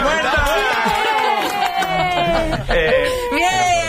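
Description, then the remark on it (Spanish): An eerie applause sound effect: a loud, steady crowd-like wash with scattered sharp claps, overlaid by warbling, slowly sliding tones that give it a strange, unsettling feel, with no speech. “De nuevo, el aplauso inquietante, ¿no?”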